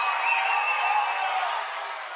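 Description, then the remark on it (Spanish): A dense wash of audience applause, steady and fairly loud throughout, with a faint tonal whine riding on top, easing slightly toward the end of the brief stretch. “¡Un fuerte aplauso”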